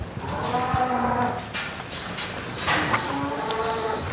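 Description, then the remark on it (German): Several cows moo in overlapping, drawn-out calls, loud, with a busy background of shuffling and barn noise and no one speaking. “Kühe leben in Herden, mit einer klaren Hierarchie. Wer Chefin ist, hat das Sagen, auch im Stall.”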